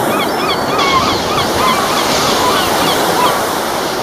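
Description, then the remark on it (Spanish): Seagulls cry and squawk repeatedly over a steady roar of surf breaking on a breakwater, their calls overlapping while the waves wash continuously beneath them. “Y con humor y con estas gaviotas vamos a comenzar este sábado 23 de mayo,”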